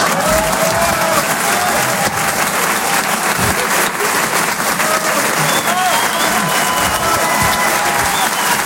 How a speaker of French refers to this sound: Merci beaucoup, mesdames et messieurs. Merci. Merci, bonsoir. Applaudissements.